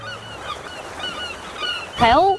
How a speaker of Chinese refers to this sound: 海鸥。